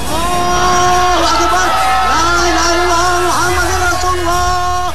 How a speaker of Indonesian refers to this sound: Ini orang-orang pada keluar rumah berteriak merdeka-merdeka. Iya Pok, kita udah merdeka.